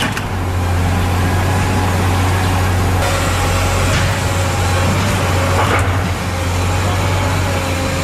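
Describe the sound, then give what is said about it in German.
Heavy machinery such as excavators and trucks rumbles steadily at a construction site with a deep engine drone, while occasional clanks and knocks ring out over the continuous low roar of idling vehicles. “Bagger, Bauleute mit Helm und Schiele, Absperrungen, Lastwagen und es rumort auf ein bisschen.”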